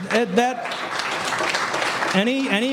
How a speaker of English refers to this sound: Any applause is not for me. It goes for the troops that serve.